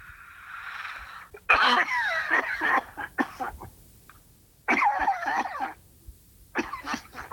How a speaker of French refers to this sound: T'as une sacrée toux, hein ? Oui. Il faut que tu te soignes.